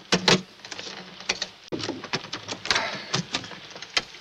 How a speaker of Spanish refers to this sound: Estos cajones están cerrados con llave. ¡Fuérzalos! Sí, jefe. Fuerza la cerradura con una navaja.